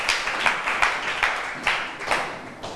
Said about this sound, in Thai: เจ๋งมากปรบมือให้เพื่อนค่ะ